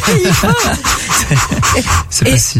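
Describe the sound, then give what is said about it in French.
A small dog gives a quick run of high, whiny yelps and whimpers, fairly loud, with short pauses between bursts over a steady background hum. “C'est le petit chien.”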